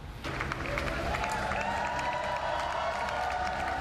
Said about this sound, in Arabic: هل تذكرون هتافات النصر لسير كير ستارمر قبل عامين احتفالا بفوز ساحق حققه حزب العمال في الانتخابات العامة